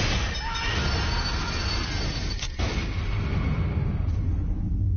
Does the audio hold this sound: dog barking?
no